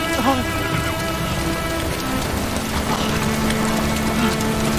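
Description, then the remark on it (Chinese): Heavy rain pours down steadily in wild mountain country, a dense, unbroken hiss of drops on a hard surface with faint tonal sounds blended underneath, lasting throughout. “哎，我先给你包扎好，下雨容易感染，忍着点去。”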